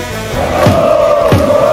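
A large crowd of sports fans at a central fan stand roars loudly and continuously, with a sustained chanted tone running through the noise and two brief sharp bursts standing out partway through.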